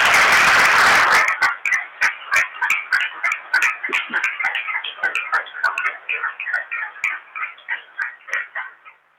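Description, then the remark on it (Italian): A church audience breaks into loud, dense applause after a couple renews their vows, soon turning into steady rhythmic clapping in unison, continuing for several seconds and easing off slightly toward the end. “Facciamo un altro applauso.”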